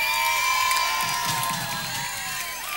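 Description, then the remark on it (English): A crowd cheers and whoops with high, overlapping shouts, a steady wash of excited voices that stays loud throughout, with applause likely mixed in underneath. “Round of applause”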